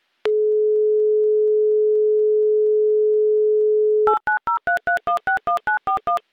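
A steady, unbroken telephone dial tone hums for about four seconds, then gives way to a quick run of roughly a dozen short, beeping touch-tone dialing pulses at varying pitches, with no voices.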